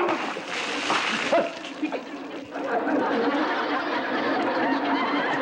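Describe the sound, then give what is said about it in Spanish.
A loud splash of water being thrown out of a bucket, followed by sustained splattering and dripping, with lively chatter and some laughter in the background. “Yo te voy a ayudar a tirar el agua que ya no hace falta.”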